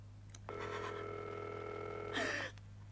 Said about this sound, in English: We are ringing Ordway 3787 for you